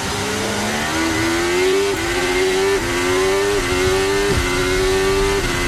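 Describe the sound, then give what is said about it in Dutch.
Lewis's racing car accelerates hard at the race start in the rain, going from 0 to 200 in 5.7 seconds, its engine note climbing steadily in pitch with several sharp drops at each gear change, loud and continuous over a rushing, noisy background. “Hier de start van Lewis. In zijn twee, hè?”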